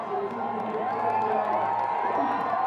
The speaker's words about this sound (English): The crowd cheering him on.